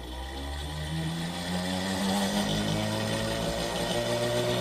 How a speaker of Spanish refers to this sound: Vamos a escuchar cómo se oye esa bobina de Tesla.